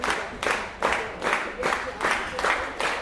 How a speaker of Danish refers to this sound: Og bifald fra publikum. Der er fuldt hus her på gulvet i Gjethuset i Frederiksværk og godt fyldt på teatersæderne bagved ved deres 5 o'clock koncert. Klokken 5 koncert fredag eftermiddag.